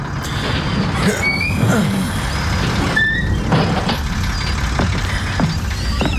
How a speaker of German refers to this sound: Wenig später erreichten wir einen großen, halbkreisförmigen Platz. Eines der größeren Gebäude war mit dem Schriftzug Gilman House versehen. Der Bus hielt.